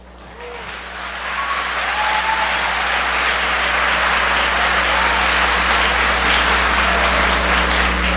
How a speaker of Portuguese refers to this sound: Metade não aplaudiu, deve ser surdo, mudo.